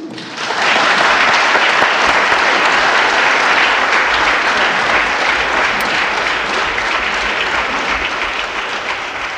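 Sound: parliament members applauding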